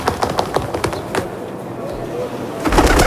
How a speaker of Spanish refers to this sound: Paloma, ¿no?